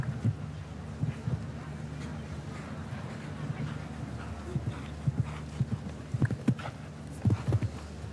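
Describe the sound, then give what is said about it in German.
A show-jumping horse's hooves thud in an uneven run of dull, muffled beats over a steady low rumble and wind noise as it approaches a staircase-shaped rail fence on the course, the strikes bunching together more tightly toward the end. “Ja, Pferd kann ja die Höhe springen, springt aber hier zu flach rein schon und verliert jetzt leider Gottes zusehends an Höhe im Schlusssegment dieses Kurses.”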